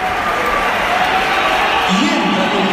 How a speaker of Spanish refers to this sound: Pitada. Así me gusta, macho. Ese es mi Bernabéu. Una buena pitada a Mbappé.